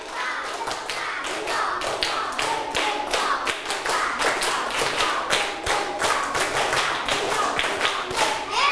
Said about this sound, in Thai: ดังนั้นพร้อมดูไหมลูกถ้าพร้อมแล้วปรบมือ5ครั้งปรบมือ1ชุด